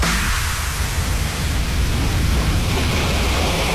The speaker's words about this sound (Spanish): Ese sonido, Laura, ese sonido de olas, gaviotas, el mar, la playa.